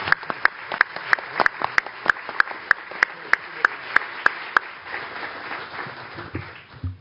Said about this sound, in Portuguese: Uma salva de palmas para você.